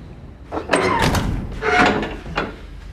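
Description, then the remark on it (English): A door is pushed shut: a sliding scrape and a solid clunk, followed by a second softer knock, with no one speaking. “Shut the door.”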